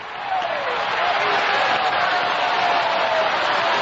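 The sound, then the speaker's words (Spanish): An audience claps steadily and loudly as an ovation for Jesus Christ, a dense wash of many hands applauding throughout with a faint voice or tone sliding underneath. “aplaudiendo, sigue aplaudiendo, sigue aplaudiendo ahí.”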